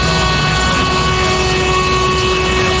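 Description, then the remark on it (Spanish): A bus horn from a Madrid municipal transport bus blares in one long, unbroken, loud blast for about three seconds, with a steady engine rumble underneath. “yo no sé de la MT, pero toma un pito.”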